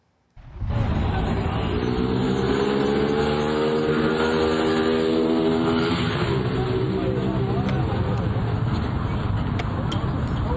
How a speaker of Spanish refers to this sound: El hombre aceleró en una motocicleta y huyó del lugar, dejando atrás a la mujer que lo acompañaba.